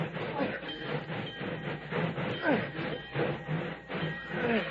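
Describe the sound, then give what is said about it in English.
A steam locomotive chugs along the rails with a steady, rhythmic pulsing and hiss, fairly loud and continuous, with faint voices in the background. “Now back up. Head back toward town. Give me more steam.”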